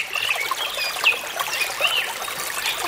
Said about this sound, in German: Vogelgezwitscher und so ein bisschen Plätschern von Wasser.